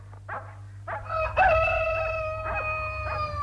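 A rooster crows in one long, drawn-out cock-a-doodle-doo, held steady and fading slowly, over a low rumbling background with a few faint chirps.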